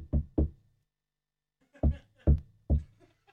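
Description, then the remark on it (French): Knocking on a door: a quick double knock, a pause, then three firm knocks in steady rhythm, distinct, with faint background murmur between them. “Quelqu'un peut, s'il vous plaît, quelqu'un peut se lever j'ai pour ouvrir la porte.”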